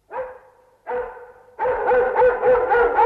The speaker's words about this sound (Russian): А, так вас облаяли. Ну что ж, это и с нами случалось. А собака у нас была хорошая, породистая, Кузя ее звали.